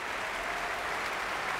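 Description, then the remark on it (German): Steady, dense applause from a large standing audience at the Musik- und Kongresshalle in Lübeck at the Schleswig-Holstein Music Festival, after an orchestra's symphony performance; a continuous wash of clapping with no clear individual whistles or shouts standing out. “Und Pfiffe und Bravo-Rufe”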